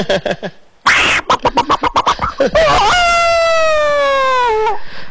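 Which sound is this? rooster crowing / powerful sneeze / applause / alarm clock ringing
rooster crowing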